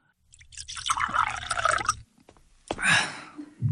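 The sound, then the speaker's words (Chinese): Water is poured into a cup for someone to drink, a steady gurgling stream lasting under two seconds, then a brief pause and a shorter second splash of liquid. No one speaks. “啊，哎呀，你看看这刚不说话了，我得给你倒水喝。”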